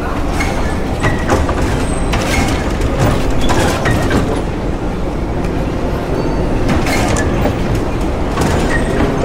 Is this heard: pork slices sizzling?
no